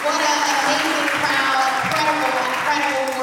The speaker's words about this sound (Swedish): Janice Lewis-George är klädd i knallrosa kostym och hon möts av applåder när hon vant greppar mikrofonen.